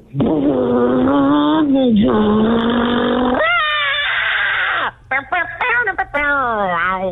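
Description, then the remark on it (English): A voice imitates a getaway car peeling away from a bank, a steady low droning rumble that revs up into a rising screech, followed by a burst of choppy, high wailing screams as someone is in the road. “It's a getaway car peeling away from the bank. But then, oh no, give me the scream.”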